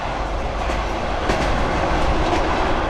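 A train rumbles steadily along the rails, its dense roar broken by a few sharp rhythmic clacks of the wheels over track joints. No one speaks.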